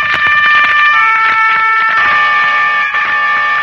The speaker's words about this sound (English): Not the distant horn of Roland, protector of France, but the strident horn of the motor car that was to take an American child away from the scenes of his happiest years and set him on his journey home.